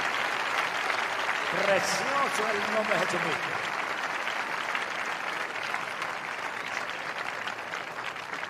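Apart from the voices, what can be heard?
audience applauding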